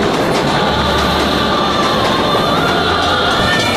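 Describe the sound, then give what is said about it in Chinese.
A passenger train bound for Liuzhou station, China, rolls along the rails on a long journey with a steady, loud rumble and hiss, a constant roar of wheels and carriage noise with a faint low hum underneath and no voices. “长这么大，第一次坐这么久的火车。”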